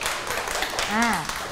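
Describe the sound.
A group of children clap their hands in a quick, scattered patter that fills the whole moment, with a voice rising briefly over the applause near the end.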